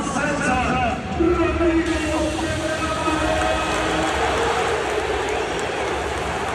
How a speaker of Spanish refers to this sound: hace que la gente aplauda con un poquito más de fuerza